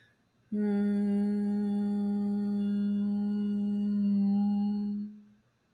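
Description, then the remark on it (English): A single steady hum with closed lips, held on one low pitch for about five seconds, fairly loud, starting abruptly and fading out at the end with no other sounds. “Notice how my humming sounds at this moment.”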